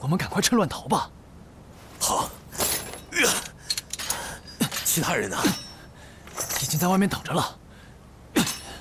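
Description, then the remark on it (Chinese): Several sharp metallic clanks ring out in an uneven series, loud, as heavy metal leg shackles worn by Zhang Qian are smashed open, with voices talking and grunting between the blows. “张骞兄弟，来，我给你砸开脚镣。”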